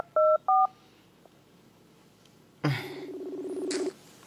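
Two short electronic dialing beeps as a cellphone places a call, then after a pause a loud buzzing phone ring with a rapid pulsing warble lasting over a second, clear with no talking.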